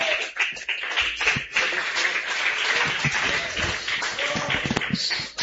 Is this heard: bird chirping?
no